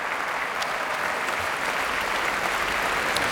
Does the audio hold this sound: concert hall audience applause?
yes